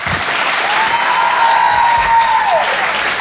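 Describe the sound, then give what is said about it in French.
Sustained audience applause as Julie Gerr is introduced: a dense, steady wash of clapping across the whole clip, with a faint whistle-like tone gliding briefly in the middle before dropping away. “Je vous demande de l'encourager très très chaleureusement, s'il vous plaît.”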